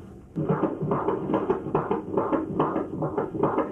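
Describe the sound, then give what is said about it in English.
The heartbeat of a baby boy in the womb on a doppler monitor during a routine pregnancy checkup: fast, steady whooshing thumps, roughly two or three per second, over a continuous muffled hiss, with no voices. “I heard his heartbeat for the first time, and I kind of believed I was pregnant, and I was still in, like, this denial stage.”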